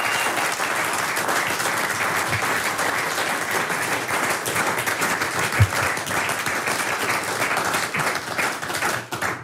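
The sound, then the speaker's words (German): Sustained applause from a large audience at the Heimattage festival in Oberkirch, a dense steady wash of many hands clapping at once, fairly loud and continuous for the whole stretch with no voices on top. “Willi Stechele, Ihr Applaus.”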